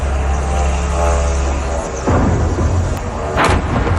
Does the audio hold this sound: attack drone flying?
yes